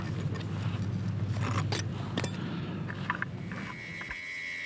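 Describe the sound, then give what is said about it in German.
A bomb disposal expert's milling cutter grinds through a bomb fuse: a steady low motor drone under rough scraping, with scattered metallic clinks and a thin high whine rising near the end. No one speaks. “Mit dem Fräser zerschneidet der Sprengmeister den Zünder.”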